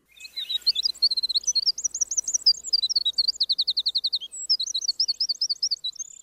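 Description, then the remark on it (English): A Cordillera Azul antbird (Myrmoderus eowilsoni) calls in quick, rhythmic series of high, bright chirped notes, repeated in bursts across several seconds, clear with no voices. “E.O. Wilson commenting on the Cordillera Azul ant bird. Scientific name, Myrmoderus E.O. Wilsoni.”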